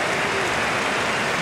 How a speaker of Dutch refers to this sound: We gaan wisselen. Aan beide kanten. En luid applaus.